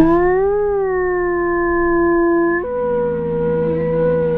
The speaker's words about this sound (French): Alors ça, c'est... Ça, c'est une meute de loup. C'est une meute de loup, ouais.